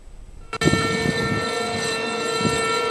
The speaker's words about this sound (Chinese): 在黑龙江哈尔滨防洪纪念塔，悠长肃穆的警报声划破长空，响彻全城，社会各界代表庄严肃立，向抗日战争中英勇牺牲的革命先烈默哀致敬，深情缅怀革命先烈丰功伟绩。